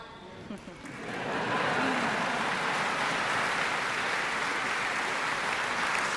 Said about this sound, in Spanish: The BBC Symphony Orchestra. La Orquesta Sinfónica de la BBC, una ovación para ellos. Absolutos protagonistas, claro que sí, de esta last night de los Proms. Se levantan ahora.